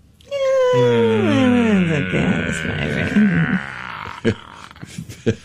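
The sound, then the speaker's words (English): A long, drawn-out yawn, its voiced groan sliding steadily downward in pitch over about three seconds, trailing off into a few short mouth sounds and murmurs. “Wow, that was extended. That was came out of a yawn, maybe.”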